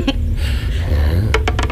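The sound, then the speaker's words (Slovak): A small die is rolled to see who throws the higher number, clattering across a hard surface with four quick, sharp clicks in close succession over a steady low rumble, with a faint tap just before. “Mám tu kocku. Kto hodí vyššie číslo, sa dnes si za volant a pôjde 200.”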